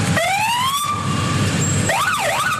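A loud siren from hidden alarm equipment illegally installed in a private non-commercial passenger car sounds alone, first two rising whoops, then a steady high tone, and finally a fast up-and-down wail, all over a low rumble of traffic.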